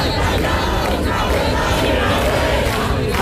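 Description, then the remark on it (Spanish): A large protest crowd at the Puerta del Sol encampment in Madrid, near the fences around the seat of the Comunidad de Madrid, chants and shouts together, a loud, steady wall of massed voices that holds without pause for the whole few seconds, no single speaker standing out. “se han vivido incluso momentos de tensión cuando los manifestantes se han acercado a las vallas que rodean la sede de la Comunidad de Madrid”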